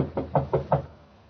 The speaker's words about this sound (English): Better knock harder.